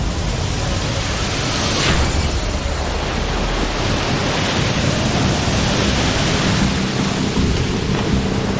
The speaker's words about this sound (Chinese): 海上台风和热带风暴的危险程度远超我们想象，这是其他海上装备监视器中拍到的画面。12级风暴已经足够掀起滔天巨浪，平台在风浪中上下起伏